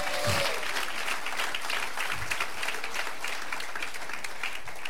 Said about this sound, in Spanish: ¿Cuántos dicen amén y le dan palmas de alabanza al Señor, hermano?